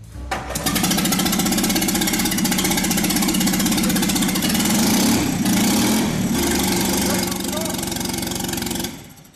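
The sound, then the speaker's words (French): A loud, unmuffled AMG engine block, started for the first time in a workshop with its exhaust disconnected and no radiator or throttle control, roars to life and runs steadily for about eight seconds, a harsh rapid chatter with a raw, rasping edge, then cuts off abruptly. “Même sans échappement, ni radiateur, ni commande d'accélération, ce bloc moteur a l'air d'être solide comme un roc.”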